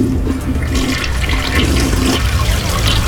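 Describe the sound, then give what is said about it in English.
A toilet at the Kaleidoscope festival flushes loudly, a steady rushing gush of water that fills the whole few seconds with a low roar and faint hiss; Ian Dempsey is in the cubicle. “Oh, he's always, let's say, three or four flush.”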